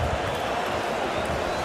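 A stadium crowd at a football match in Hannover cheers in one loud, continuous roar, a dense wash of many voices holding steady without a break for under two seconds, after Gindorf's goal, which does not count because the flag was up.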